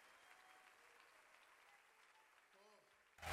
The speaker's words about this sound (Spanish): Dale ese aplauso al Rey de Reyes. Exalta al Señor de Señores.